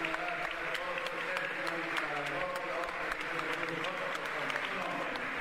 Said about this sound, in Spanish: Aplausos para el Señor Jesús.